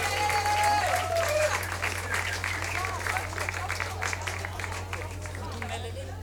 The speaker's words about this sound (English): Give him another hand of applause, ladies and gentlemen. Thank you.